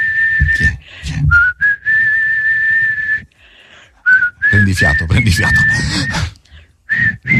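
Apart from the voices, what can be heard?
person whistling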